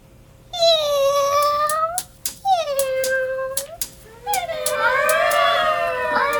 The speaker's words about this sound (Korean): 고양이가 배수로에서 굴 안으로 들어오며 울었다. 그 뒤로 찰박찰박 소리를 내며 다른 고양이 서너 마리가 따라오고 있었다.